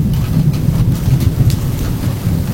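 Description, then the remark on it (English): A steady, dense rush of thunderstorm noise with a deep low rumble throughout and faint scattered ticks of rain, recorded with a tiny microphone attached by a magnet underneath the eaves of a house during the storm, with no voices. “So today, I took one of my littlest, tiniest microphones and, using a magnet, put it up underneath the eaves of the house during the storm.”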